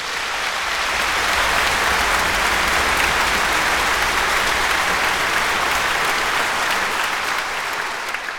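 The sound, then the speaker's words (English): A large audience in a modern concert hall claps for the 100th anniversary of the first broadcast by Yle, the Finnish public broadcasting company. The applause is a dense, steady wash of hand claps that stays loud for about eight seconds before easing off slightly at the end. “I think we need a round of applause.”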